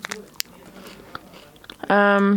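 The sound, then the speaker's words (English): Chewing of a Kellogg's cereal bar with strawberry and white chocolate, with soft irregular crunches and mouth clicks for a couple of seconds, followed by a brief, louder voiced sound from the person eating. “I'm sorry if you don't like chewing noises.”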